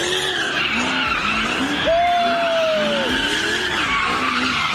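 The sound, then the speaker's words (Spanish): A car does street donuts, spinning in tight circles with loud, continuous tire squealing, the screech rising and falling in pitch over a steady engine roar, with a sharper high squeal in the middle; a group of young people doing street donuts as a police officer tries to stop them. “Así fue como un grupo de jovencitos se burló de este policía que intentó ponerle un alto a las donitas callejeras.”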